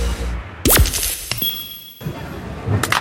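A quick whoosh ends in a sharp impact, then a brittle crack and faint high ringing as a mobile phone drops and its screen shatters, with a final knock near the end.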